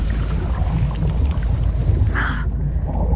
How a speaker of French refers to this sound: Attendez! Stoppez tout, la famille! Vous entendez ce bruit? On dirait le son d'un moteur d'un gros bateau.